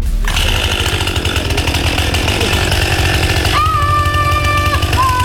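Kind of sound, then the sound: tool, chainsaw cutting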